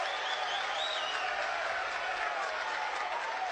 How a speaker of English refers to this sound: Bronx cheer from Georgia fans.